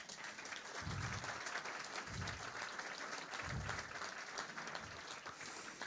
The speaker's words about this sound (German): Und ich finde, das ist auch mal ein Applaus wert, dass er hier ist.